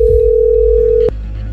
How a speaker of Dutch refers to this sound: Telefoon gaat al over, dat is al goed.